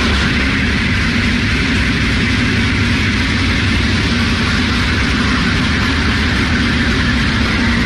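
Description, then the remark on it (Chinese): The first comprehensive inspection train of the new Yixing high-speed railway pulls away from a platform at Yichang North Station at 8:30 in the morning, starting joint commissioning tests: a loud, steady low rumble blended with broad hissing noise, continuous throughout with no voices. “那在我身后呢，宜兴高铁的首趟综合检测车呢即将驶出站台，这也标志着宜兴高铁正式启动了联调联试工作。”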